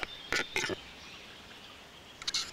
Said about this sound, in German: Eine Etage weiter oben, dort wo Feuersalamander ihre Jungen in den Quellbächen gebären, lebt ein besonderer Harzer. Der Auerhahn.